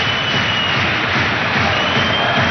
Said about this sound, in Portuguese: O internacional uruguaio demora algum tempo, leva agora a bola o jogador de 26 anos, vindo do Toluca. Muito aplaudido.